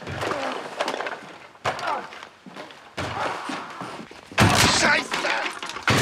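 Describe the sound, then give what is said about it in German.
Heavy, irregular hammering blows on something outdoors land every second or so, some with a harsh crashing, splintering edge, while voices speak and shout over the noise. “Er ist in seinem Hobbykeller und hämmert auf irgendwas ein.”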